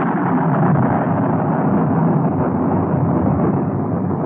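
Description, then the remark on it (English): A loud peal of thunder rolls on as a steady, deep rumble for several seconds without fading much, with no voices over it. “That was a peal of thunder.”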